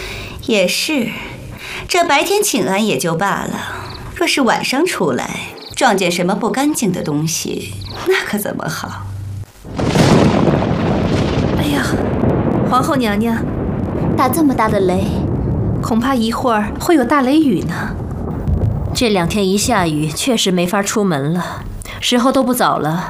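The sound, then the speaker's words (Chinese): A loud, deep crash of thunder breaks in partway through and rolls on for several seconds, rumbling beneath women's voices that continue speaking before, during and after it. “哎呀，皇后娘娘， 打这么大的雷，恐怕一会儿会有大雷雨呢。”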